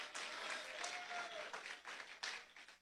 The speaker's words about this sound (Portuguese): Aleluia, pode bater as palmas para Jesus alegre.